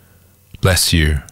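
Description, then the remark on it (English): A single loud sneeze erupts after a short silence: a voiced intake, a sharp hissing burst, then a drawn-out voiced tail, lasting about half a second. “Bless you”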